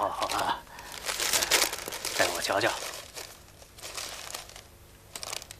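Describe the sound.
Paper crinkles and rustles in bursts as a posted notice about a lost black hen, brought back as requested, is unfolded and handled, crisp and fairly loud, while a man speaks briefly over it.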